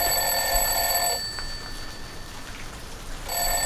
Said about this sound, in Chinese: 这闹钟都响了，这孩子怎么叫不起来呀？